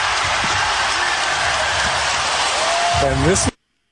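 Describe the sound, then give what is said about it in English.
An Oklahoma City Thunder arena crowd roars and cheers loudly and steadily for several seconds after a basket by Gilgeous-Alexander, a dense wall of noise, with a voice briefly rising above it just before the sound cuts off abruptly. “There's the crowd. There's Oklahoma City.”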